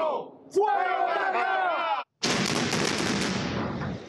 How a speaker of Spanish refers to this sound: 10, 9, 8, 7. Y así la cuenta regresiva que dio paso a la minuciosa explosión controlada en Caraballeda, que ve caer no solo una infraestructura, sino historias, recuerdos, toda una vida.